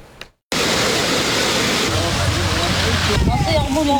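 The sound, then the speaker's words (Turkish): Heavy rain pours down on flooded streets in Bursa, a dense, loud, steady hiss and rush of water that begins abruptly after a brief quiet moment, with faint voices emerging near the end. “Sağanak yağış sebebiyle Bursa'da caddeler, sokaklar göle dönmüş durumda.”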